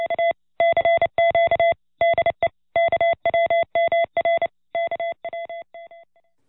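A steady electronic tone keys on and off in a quick run of short and long beeps, a clear Morse code transmission sent out at the RCA station, heard alone, gradually fading away at the end.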